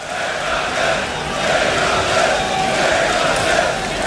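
A large festival crowd chants together, a dense, steady roar of many voices holding at an even loudness for the full few seconds, with no single speaker standing out.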